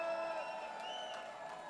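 An audience at a live show claps and cheers for the sound technician while the drummer repairs his drum kit, a steady, continuous wash of applause with mixed voices calling out, fairly quiet and sustained throughout.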